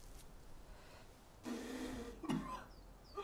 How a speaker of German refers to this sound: Ich habe einen bösen Husten.